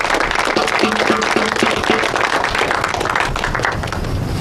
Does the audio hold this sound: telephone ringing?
no